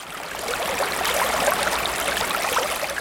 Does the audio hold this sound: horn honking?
no